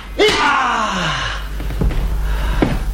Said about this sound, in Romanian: N-ai avut noroc, sportivule. Te-ai speriat de o ușă deschisă.